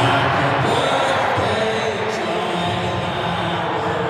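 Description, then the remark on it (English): About 30,000 NRL supporters in a stadium sing together to celebrate Rabbitohs forward Jai Arrow's 31st birthday, in one loud, steady roar of massed voices that fills the whole space without a break from start to finish. “30,000 voices sharing one wish.”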